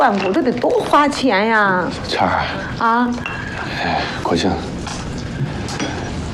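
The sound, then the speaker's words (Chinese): Bowls and chopsticks clink lightly and sporadically during a home meal as someone asks for bowls and chopsticks to be brought for a visitor. A few bright taps and knocks are scattered beneath steady overlapping conversation, with someone's voice rising and falling over the clatter. “媳妇儿，快点啊，接个碗筷啊！”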